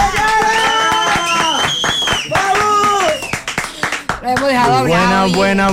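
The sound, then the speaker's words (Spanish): Studio audience applause welcoming a guest on a media tour, with quick sharp claps scattered under loud, excited voices and cheering that carry most of the sound, steady and energetic for the whole stretch. “¡Aplausos para Yara!”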